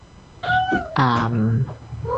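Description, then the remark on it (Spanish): A pet cat meows for attention in a few drawn-out, insistent calls, the second one long and wavering, with a softer mew starting at the very end. “Y ahí hay uno de mis gatitos que está... Se escucha. Sabe que me voy, entonces está pidiendo los últimos mimos.”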